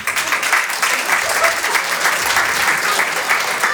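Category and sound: crowd, audience applause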